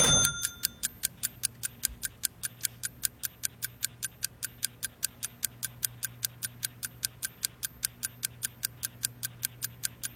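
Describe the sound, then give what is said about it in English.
A steady, rapid ticking like a countdown clock for a quiz, evenly spaced sharp clicks about four per second, continuing alone over a low hum for the whole stretch. “Number one, and we're getting ready to start the clock.”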